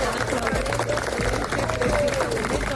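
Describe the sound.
Steady clapping from a group of people, including his mother, applauding a young man who has come out alive, fills the scene, dense and continuous, with a murmur of voices and crowd noise mixed in throughout.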